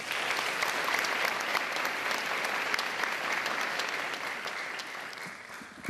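An audience claps steadily throughout, a dense, even wash of many hands with bright, crisp individual claps popping out, holding a fairly constant level before easing slightly at the end.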